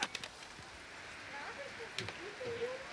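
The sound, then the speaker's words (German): Steady rain patters down with a continuous hiss, broken by a few sharper drips and knocks, while faint voices murmur in the background. “So, dann gehen wir jetzt mal alle hier rein. Bei dem schönen Regen.”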